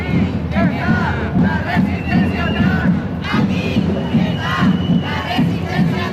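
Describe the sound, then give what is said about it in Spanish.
A large crowd chants loudly in unison at an LGTBI+ Pride march at night in Las Palmas de Gran Canaria, rhythmic group shouting repeating steadily with many overlapping voices, continuous throughout. “Anoche, manifestación en Gran Canaria.”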